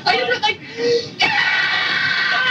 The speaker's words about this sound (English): That's me screaming.